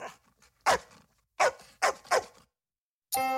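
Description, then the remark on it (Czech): The family dog Azor barks four times in loud, sharp bursts, three close together after the first, followed by a brief tonal sound at the end. No one speaks. “Tu první o muzikantech z Brém jsme slyšeli od našeho psa Azora.”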